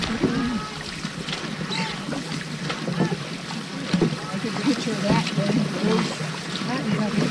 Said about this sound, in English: And on the third day, rowing against rain and a strong headwind, five dragon boats pull up to the dock in Appleton. 80 paddles rest.